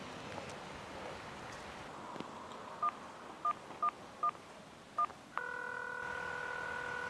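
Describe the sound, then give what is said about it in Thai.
Five short, clear telephone keypad beeps are dialed at an uneven pace over faint outdoor background noise as someone calls the Ministry of Justice hotline, then a steady electronic line tone begins and holds to the end. “งั้นขอโทรศัพท์แป๊บ”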